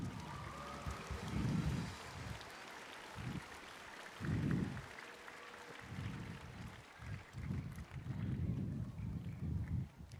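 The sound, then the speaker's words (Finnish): An audience applauds steadily for about ten seconds, welcoming a wind orchestra and the wind players of the Joensuu city orchestra, a dense, even wash of many hands clapping, with low thumping swells rising and falling beneath it. No one speaks. “Annetaan heille isot aplodit.”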